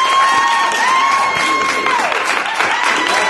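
An applause sound effect played on a show to welcome a new member: a crowd applauds loudly and steadily, thick clapping mixed with cheers, while a long whistled tone runs through the first half and then slides downward.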